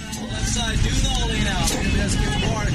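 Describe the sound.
A cable car, its driver cranking Victorian-era gears, rumbles steadily up the first hill of a city street with a constant low mechanical drone, while indistinct voices of passengers murmur throughout, moderately loud.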